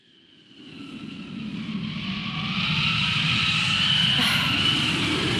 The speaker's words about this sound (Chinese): 又刮大风了，这今年咋了？大风天气这么多。